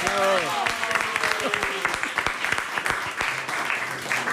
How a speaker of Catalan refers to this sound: A mi em faria molta il·lusió una cosa, i és que es trobessin per primera vegada, a part de les veus dels personatges, els dos personatges, que entrin, sisplau, en Tomàtic i en Mic, sisplau. Fort aplaudiment per ells.